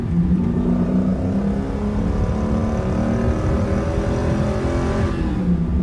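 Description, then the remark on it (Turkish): A car engine rumbles loudly and continuously, its deep throaty tone rising and falling slightly in pitch as it revs. No one speaks. “Araban güzelmiş.”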